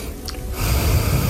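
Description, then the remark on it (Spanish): A man takes a single audible breath, a quiet start building into a loud, broad rush of air that sounds like a strong inhale through the nose. “Quiero oír tu respiración, ¿cómo es la tuya?”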